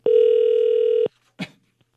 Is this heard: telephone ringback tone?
yes